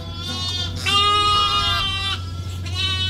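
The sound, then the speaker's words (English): A ewe and her three tiny lambs bleat in a pen in overlapping, wavering calls, the ewe deeper and the lambs higher, over a steady low hum, with barely a pause between cries. “by a pen, housing a ewe, and her three tiny lambs”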